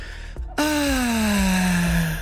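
A loud, drawn-out relieved exhale, a voiced 'aaah' that starts abruptly and slowly falls in pitch for over a second, performed by a voice as an exaggerated sigh of relief standing for plants breathing easy, in a weather report.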